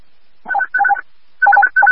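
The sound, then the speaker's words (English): Four quick bursts of paired electronic tones in two groups, a pause between them, crisp and fairly loud, a dispatch alert signal for a vehicle accident call sending Engine 13 and Medic 818 to East 14th and Summit Avenue. No voices are heard. “receiving a notification.”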